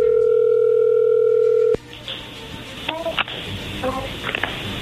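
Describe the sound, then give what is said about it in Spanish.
A steady, loud electronic telephone ringing tone of an outgoing call holds for under two seconds, then cuts off abruptly as the call connects, leaving a hissy phone line with faint, muffled voices. “A ver, marca, ahí ya entró la llamada, no hagan ruido, ahí va.”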